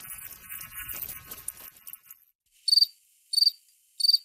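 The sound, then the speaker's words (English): Crickets chirp, starting with a dense, buzzing trill that fades out, followed by three separate bright chirps spaced evenly apart against near silence. “In Asia, cricket fighting was something that people gambled on, where they would get the crickets all riled up by, tickling with a feather and then have them fight each other.”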